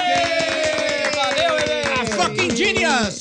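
At the end of a show, a burst of rapid, steady clapping from several people fills the whole few seconds, loud and continuous, with sustained voices or cheering sounding over it before it stops abruptly.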